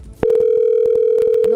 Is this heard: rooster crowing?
no